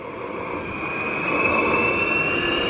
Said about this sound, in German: Vor mir steht nämlich so eine alte Diesellok und die nimmt jetzt richtig Fahrt auf. Klingt eher wie ein Düsenjet, der abhebt. Ja, ja, das ist noch so eine alte Lok, die ist ein bisschen lauter.